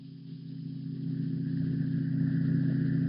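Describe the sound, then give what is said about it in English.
A motor car approaches a decaying, weather-boarded house on desolate marshes, with a steady, low engine drone that grows gradually louder over a few seconds. No voices are heard. “Only the heat on the glimmering marshes and the decaying, weather-boarded house as a motor car approaches.”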